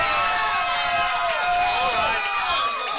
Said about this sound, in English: I've twisted some arms, folks, and I know the audience is all out in the boonies out there just screaming and hollering.